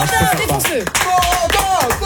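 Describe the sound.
Loud applause with cheering voices from an audience for the evening's challenger on the Super Show Énergie, live on a Friday night on Twitch, YouTube and TikTok: a continuous burst of clapping and shouts lasting a couple of seconds.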